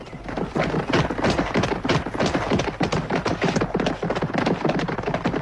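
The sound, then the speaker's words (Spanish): Dense, steady clatter of many horses' hooves clip-clopping as the horses are brought out, a continuous busy rhythm of thuds and knocks with a rumbling undertone, no voices. “saca los caballos.”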